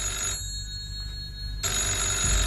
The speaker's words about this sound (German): Eben als er die Stube betrat, klingelte das Telefon.